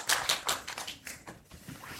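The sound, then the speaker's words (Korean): A round of audience applause for the jury at the Jeonju International Short Film Festival: quick, irregular claps blend into a steady, fairly soft patter, with no voices over it. “공정한 심사 부탁드리고 끝까지 애써주시라고 큰 박수 한번 보내주시면 감사하겠습니다.”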